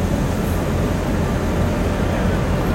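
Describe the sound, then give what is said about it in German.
A steady, continuous rumbling whir of a coin-operated model freight train running along the track of a model railway layout about 1.5 by 2.5 metres, started by pressing a white button, even in loudness throughout, with no voices. “So, dann fahren wir mal mit den Güterzügen hier. Wähle Züge, weiße Taste drücken. Güterzug.”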